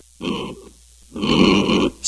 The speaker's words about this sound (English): It's pink, and it goes oink, oink. It's a pig.